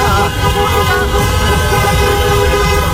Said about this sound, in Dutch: Ja, en dat leidde natuurlijk ook tot feestelijkheden bij ons in de regio. In de stad Rotterdam bijvoorbeeld heel veel getoeter.